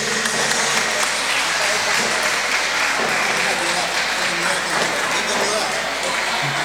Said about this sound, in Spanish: Para todos los papás, feliz día. Un aplauso para los padres. Feliz día.